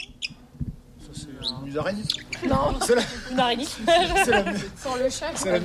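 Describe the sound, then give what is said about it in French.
A shrew squeaks in a series of thin, high chirps near the start, and the squeaking carries on beneath louder overlapping chatter and voices. “C'est la musaraigne.”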